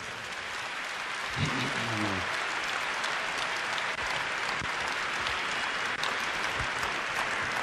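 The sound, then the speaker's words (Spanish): Steady, dense applause from an audience honoring the queen of compassion fills the whole clip, a continuous wash of clapping hands at an even loudness, with a brief murmur of voices near the start. “A la reina de la compasión, a la reina de la cercanía y de la ternura, le damos un fuerte aplauso.”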